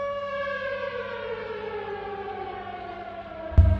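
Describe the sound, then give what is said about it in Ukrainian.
A sustained air raid warning siren, sounding for an air raid alert declared in Kamianske district, wails steadily with a slowly falling pitch, loud and continuous, ending in a sharp thump near the close. “У Кам'янському районі оголошено повітряну тривогу.”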